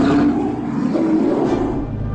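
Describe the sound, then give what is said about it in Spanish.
A bear lets out a deep, sustained roar, loud, rumbling with heavy low growling throughout and no voices over it. “Un enorme oso surgió de la oscuridad.”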